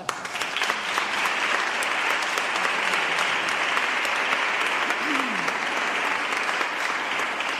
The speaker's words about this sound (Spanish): Un aplauso.